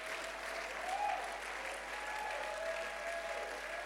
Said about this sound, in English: Just make sure you are clapping for God.